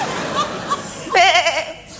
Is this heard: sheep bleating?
yes